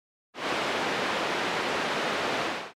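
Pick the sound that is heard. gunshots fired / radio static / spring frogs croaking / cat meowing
radio static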